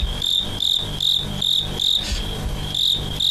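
Fighting crickets collected in Shandong, China, chirp in late autumn in steady, evenly spaced bursts of high, bright trills, roughly two or three per second, loud and continuous over a faint low background rumble with no talking.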